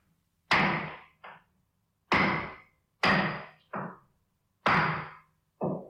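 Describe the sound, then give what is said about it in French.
Hammer blows ring out sharply as someone nails something in a modest neighbourhood of Babylon, six strikes falling roughly in pairs with short pauses between, each a loud, resonant bang that decays quickly. No one speaks. “Tu es là, dans ta maison, et tu commences à entendre des bruits de marteau.”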